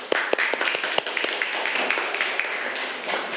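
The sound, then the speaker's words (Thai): A group of students claps for a classmate during a lesson for several seconds, a dense, steady patter of many hands with a few sharper individual claps standing out, at a moderate level. “ปรบมือเพื่อนก่อนเร็ว”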